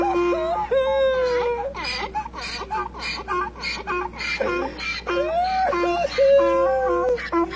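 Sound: donkey braying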